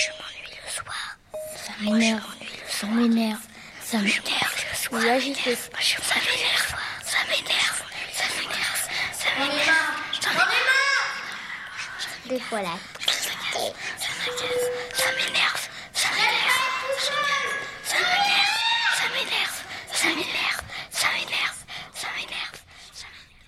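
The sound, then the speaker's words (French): Classmates whisper and murmur over one another toward the back of a classroom during the teacher's lesson, in a steady, hushed chatter, with occasional higher-pitched voiced bits and breathy hisses rising out of the continuous babble. “et puis les blabla des camarades, un peu, que j'entends vers le fond de la classe”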